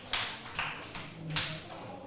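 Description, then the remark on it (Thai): A group of students claps together for group 5 after its correct answer of 15 candies, in a steady rhythm, about five evenly spaced bursts of hand claps over two seconds, moderately loud with no talking. “15เม็ดถูกต้องเลยทุกคนปรบมือให้กลุ่มที่5หน่อยค่ะ”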